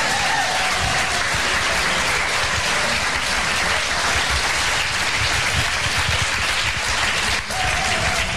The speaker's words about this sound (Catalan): Donar també les gràcies als nostres tècnics d'avui, perquè sense ells res d'això hauria estat possible, per tant, un fort aplaudiment pels tècnics.